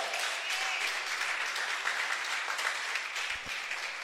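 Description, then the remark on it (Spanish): A crowd applauds for Christ steadily for about four seconds, a dense, even wash of many hands clapping at once with no voices over it, holding a fairly constant level throughout. “¿Cree que se merece un aplauso Cristo por eso?”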